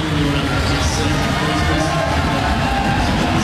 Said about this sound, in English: Listen to that home crowd from Scotland, Finlay Graham.